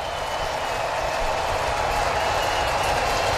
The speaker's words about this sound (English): this sellout crowd rises to their feet as they start to roar for Didier Fuentes